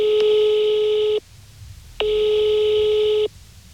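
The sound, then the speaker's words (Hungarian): Telephone ringing tone heard down the line: two steady, buzzy beeps, each lasting just over a second with a short silent gap between them, clear and fairly loud with no one talking; a Kossuth Rádió reporter is phoning the board chairman of a foundation. “csak telefonon sikerült elérnem.”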